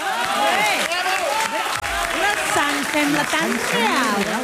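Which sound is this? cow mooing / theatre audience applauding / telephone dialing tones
theatre audience applauding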